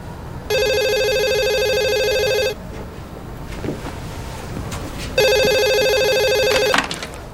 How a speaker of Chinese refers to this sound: 妈，是明忠的电话 啊。